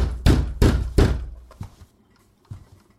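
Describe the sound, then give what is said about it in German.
Three heavy, evenly spaced loud thuds pound against a wooden door as the Hannover criminal police demand it be opened, followed by a couple of fainter knocks trailing off. “Kriminalinspektion Hannover, Tür aufmachen!”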